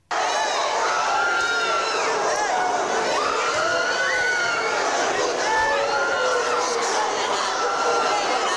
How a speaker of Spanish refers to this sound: Estos son los gritos con los que respondían parte de las personas que asistían a esa recepción ante una carga que yo creo que es completamente desproporcionada por parte de la policía en este caso, de la policía vasca en este caso, ¿no?